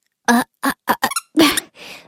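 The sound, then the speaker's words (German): A squeaky toy squeaks loudly, about six quick, shrill squeezes in an uneven rhythm, ending with a softer, breathy wheeze as the air runs out. “Oh Mann, was quietscht denn hier so”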